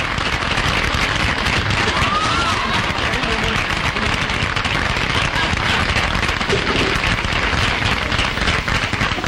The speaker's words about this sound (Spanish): Va a ser su entrada ya y recibimos con un gran aplauso al hombre de Buenos Aires. ¡Adelante, señor!